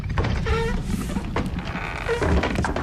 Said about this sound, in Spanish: ¿Habéis oído eso? Uy, uy, uy, si mi intuición novelesca no me falla, eso suena con puerta secreta.